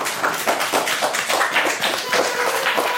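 A small group claps steadily for a few seconds to thank someone for a quiz given as a present. The overlapping hand claps form a dense patter with fairly even loudness throughout.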